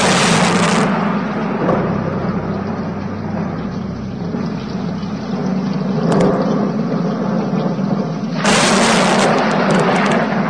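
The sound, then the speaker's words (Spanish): Deep, rolling thunder of an approaching terrible storm rumbles continuously beneath steady rain-like hiss, with louder crashing bursts at the start, briefly in the middle, and again near the end as the storm swells. “Bramaban las nubes, los truenos se sucedían unos a otros, se acercaba una terrible tormenta con intenciones de arrasar a la ciudad y a la parroquia.”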